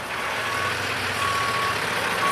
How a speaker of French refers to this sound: Il coupe la conversation car il doit vite dégager son camion, derrière lequel se forme déjà une file d'attente.